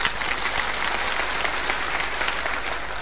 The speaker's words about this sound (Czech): Já bych prosila vlažný potlesk. Vlažný, prosím, teď. Vlažný potlesk.